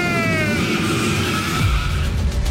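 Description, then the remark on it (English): A loud race car engine roars, its pitch sliding as tires squeal in sustained, screeching skids, with a deep rumbling surge near the end. “Start your engine!”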